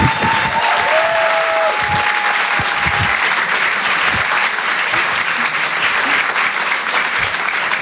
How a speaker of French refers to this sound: Je vous demande de l'encourager, de l'applaudir très chaleureusement. Voici Blandine Lehou sur Rire et Chanson.